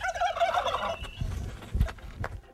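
A turkey gobbles loudly in a rapid, warbling burst, followed by a few softer low clucks and rustling sounds.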